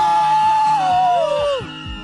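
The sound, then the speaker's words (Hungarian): An audience at a radio station's birthday festival screams loudly all at once on a count of three, a sustained, piercing mass of high voices that holds steady for about two seconds before starting to fade. “egy nagy sikítást! Ki lesz a leghangosabb, ez na, a kérdés?”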